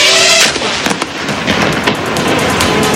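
A drone strikes a car in which a man was trying to hide and explodes: a buzzing motor whine cuts off into a loud blast, followed by a sustained roar of crackling, popping bursts that continue to the end.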